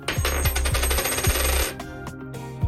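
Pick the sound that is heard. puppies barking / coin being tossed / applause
coin being tossed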